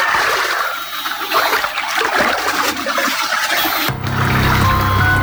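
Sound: splashing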